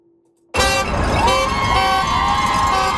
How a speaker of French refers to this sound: Au son des klaxons de soutien, des clochettes et des cris, la foule est rassemblée devant l'hôpital de Surrey.